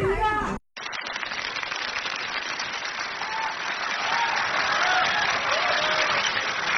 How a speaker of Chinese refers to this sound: 谢谢谢谢，谢谢大家热情的掌声